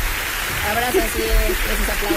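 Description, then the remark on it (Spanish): Dense, steady clapping like a crowd applauding, sent as congratulations, a continuous crackling wash that holds at an even level for about two seconds, with a voice faintly audible underneath. “Abrazo, así es, esos aplausos.”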